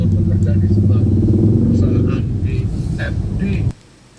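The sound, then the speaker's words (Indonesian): Steady low engine rumble of idling and creeping vehicles in a traffic jam stretching past a petrol station, apparently as far as Aceh market, with motorcycles buzzing and a person talking over it, before the noise cuts off abruptly near the end. “Sampai pom bensin nyambung ini belum selesai macetnya, ini kayaknya nyambung sampai pasar Aceh.”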